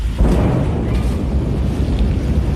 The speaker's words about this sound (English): night into day, sending a massive shockwave rippling through the air. The sound of the explosion taking nearly a minute to reach the camera.